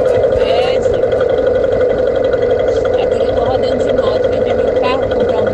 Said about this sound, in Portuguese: desliga a moto pra mandar áudio